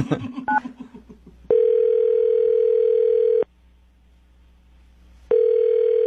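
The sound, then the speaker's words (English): A telephone tone while calling back: a few quick beeps and clicks, then a steady, mid-pitched electronic tone that holds for about two seconds, falls silent, and starts again. “I'll dial him back.”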